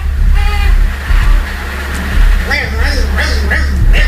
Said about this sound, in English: trying to cry and suck on the pacifier at the same time.